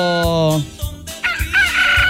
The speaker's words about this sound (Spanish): ¡Ay, el gallo este!